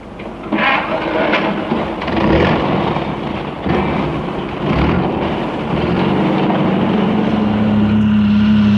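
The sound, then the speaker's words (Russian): A heavy truck engine rumbles loudly and steadily as the truck pulls away with a passenger riding in its cargo bed, its drone settling into a deeper, even hum toward the end. “Я взбираюсь в кузов, мы трогаемся.”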